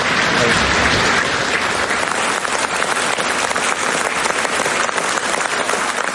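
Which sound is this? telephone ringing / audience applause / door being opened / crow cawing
audience applause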